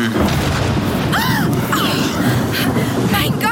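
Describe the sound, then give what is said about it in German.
In a rainstorm, a lightning strike hits an old tree and sets it on fire, and thunder follows as a loud, sustained booming rumble that stays heavy and steady for several seconds, with faint higher whistling tones sliding through it. “Diese gewaltige elektrische Entladung.”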